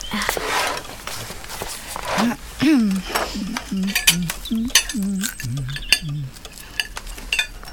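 Cutlery scrapes and clinks against dishes during breakfast, busiest at the start, while a muffled voice murmurs through the second half.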